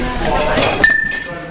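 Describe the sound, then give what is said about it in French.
Cutlery clinks as it is handled in a kitchen, with a sharp metallic clatter near the middle followed by a brief ringing tone, over a busy background with voices. “Là les couverts ils sont là.”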